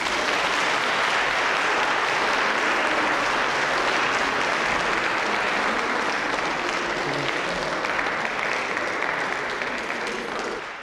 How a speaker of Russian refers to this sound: Когда я объявляю его в концерте, мне не обязательно говорить «лауреат», «первые премии», достаточно сказать два слова, на лицах появляются улыбки, звучат аплодисменты, поэтому я всегда с удовольствием произношу эти два слова. Ефим Шифрин.